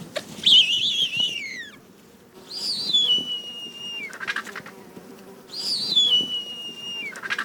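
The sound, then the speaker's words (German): A bearded vulture gives three thin, high whistling calls, each gliding downward in pitch, spaced a couple of seconds apart over a faint low hum in the background. “Seine Stimme dagegen ist weniger mächtig und er ist auch selten zu hören.”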